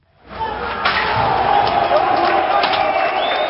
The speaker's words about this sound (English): Cheers from the crowd as Albania's constitutional court building succumbs to a sustained onslaught. Pelted with rocks, its doors rammed open, and then the building set on fire.